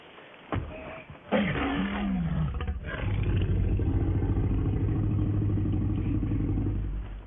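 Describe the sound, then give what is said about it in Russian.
A film tyrannosaurus roar, huge and deep like a tiger's growl, loud, rising with a throaty sweep then rumbling on with a sustained low growl for several seconds, no talking. “Ну вот, так что в фильме они это воспроизвели, но когда они, допустим, там какой-то рык тираннозавра, они, конечно, тут немножко приврали, потому что вряд ли он там рычал, как тигр, да, потому что это все-таки рептилия.”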